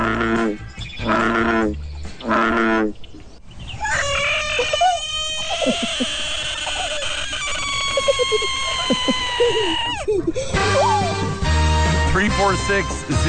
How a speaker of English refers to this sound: Is it a bullfrog? Eddie, you are correct. It is a bullfrog.